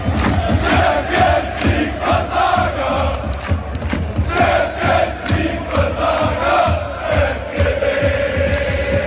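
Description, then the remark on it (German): A large crowd of Löwen football fans chants a song mocking FC Bayern in unison, loud and rhythmic, with regular beats and massed voices holding a sung melody throughout. “Ja, die Löwenfans, die haben sich mal wieder ein neues Lieblingslied rausgesucht, verhöhnen damit jetzt den FC Bayern, der bekanntermaßen ja in der letzten Woche gegen Paris aus der Champions League geflogen ist.”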